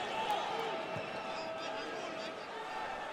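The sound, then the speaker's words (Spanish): A large stadium crowd of New York fans applauds in a steady, dense wash of clapping and cheering that holds at an even level throughout, with indistinct voices blended into the roar, after Kevin Gray wins the ball from Herrera in a soccer match against Tigres. “Qué gran jugada de Gray, vaya aplauso que se lleva de la porra neoyorquina.”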